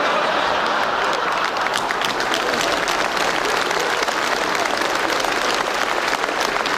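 Sustained applause from a large audience, dense and steady throughout, with many hands clapping at once in a continuous wash of sound.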